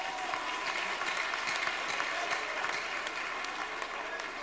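Steady applause from a crowd fills the whole stretch, dense overlapping claps at a constant loud level with no voices standing out.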